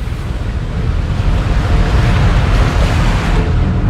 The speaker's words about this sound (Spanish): el barco se hace a alta mar durante 4 días.